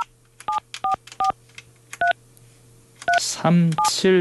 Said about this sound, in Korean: 자, 다시 한번요. 자, 다시 한번 전화 연결해 봅니다.